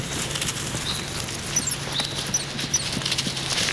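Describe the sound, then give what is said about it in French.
Footsteps crunch and rustle through dry leaves in a large forest at the foot of the Pyrenees in southwestern France, in a steady, crackly patter, while faint, high bird chirps come and go. No one speaks. “J'entends quelques gazouillis d'oiseaux et le bruit de mes pas sur les feuilles.”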